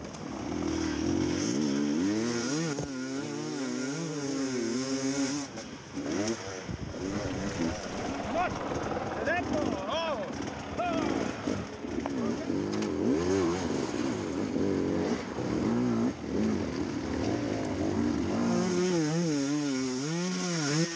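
A motorcycle engine revs hard and continuously, its pitch repeatedly surging up and dropping back in loud, strained bursts as the bike climbs a near-vertical slope on a track.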